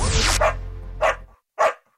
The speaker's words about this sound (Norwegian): Du hørte lyden av en glad hund som ikke er blitt brukt til testing av kosmetiske produkter.